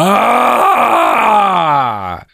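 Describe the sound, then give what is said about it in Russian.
A voice imitates a person snoring with one long, drawn-out groaning tone that slowly drops in pitch, loud, then cuts off after about two seconds. “Люди храпят вообще удивительным образом, по-разному все.”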